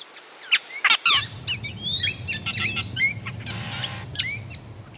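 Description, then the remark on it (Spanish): An austral blackbird (tordo) sings a varied, jumbled string of chirps, whistles and rapid trills, fairly loud, over a steady low rumble in the background. “Su rica comunicación se expresa también en sus vocalizaciones, las que no solamente son muy variadas, sino que van inventando nuevos sonidos y copiando también los de otras aves.”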